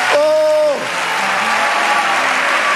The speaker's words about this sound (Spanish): Vamos, dale ese aplauso.